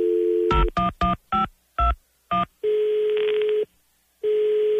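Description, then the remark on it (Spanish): A quick series of telephone keypad beeps, then a steady electronic ringback tone that sounds for about a second, pauses, and starts again, with no one picking up. Clear, no voices. “Mi amor, qué lástima que no nos contestó tu muchacha, caray.”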